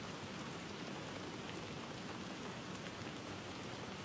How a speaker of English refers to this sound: Yeah, and by the way, it's not static, it's rain. We're playing rain in the background, and it's working.